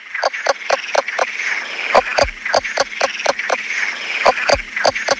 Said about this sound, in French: Alors, c'est vrai qu'un crapaud léopard qui chante comme une poule, c'est déjà original. Mais c'est pas fini. C'est un des seuls amphibiens, enfin, en tout cas de France méditerranéenne, qui chante sous l'eau.